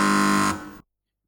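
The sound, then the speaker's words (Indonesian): A single loud electronic quiz buzzer, pressed by a team testing its bell before the buzz-in round of a quiz, blares for about half a second with a harsh, steady tone, then trails off quickly into silence. No one speaks. “Sebelum kita mulai babak rebutan, masing-masing regu untuk menekan belnya.”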